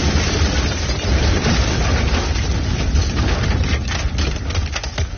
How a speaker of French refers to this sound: À l'instant précis où il roule devant la Volkswagen, Rina actionne le déclencheur et la bombe fait voler en éclats la voiture de Salamé.